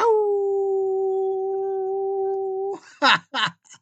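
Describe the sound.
A single long, steady howl holds one pitch for nearly three seconds, followed by a few short, sharp yelping bursts.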